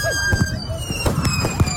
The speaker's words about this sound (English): See, the thing is, though, people didn't secure the fireworks property, and this is what happened.